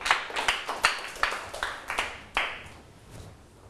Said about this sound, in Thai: ถูกต้องไหมครับนักเรียนปลายทางตรวจสอบด้วยนะถูกต้องนะครับปรบมือให้เพื่อน